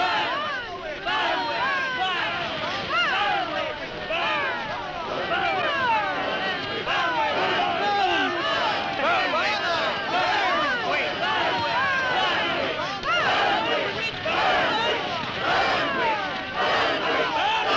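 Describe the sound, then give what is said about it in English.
An angry crowd, the people of Whitewood, shouts 'Burn, witch, burn' as they burn Elizabeth Selwyn in 1692; many raised voices overlapping in a dense, agitated roar of rising and falling yells that stays loud and steady throughout. “So shouted the people of Whitewood when they burned Elizabeth Selwyn in 1692.”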